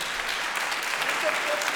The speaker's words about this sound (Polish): No i wielkie brawa dla nagrodzonych.